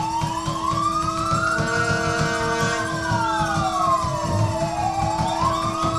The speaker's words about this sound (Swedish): Det är sirener här